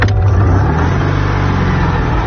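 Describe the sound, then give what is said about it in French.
The engine of a 1970s Citroën 2CV named Cathy drones steadily while driving country roads through the fields of the Luberon, France, between Cucuron, Saint-Martin-de-la-Brasque and Ansouis: a low, throaty hum with a slight rise in revs at the start, continuous and fairly loud, no voices. “On va prendre le volant d'une deux chevaux et parcourir les routes à travers les champs du Luberon.”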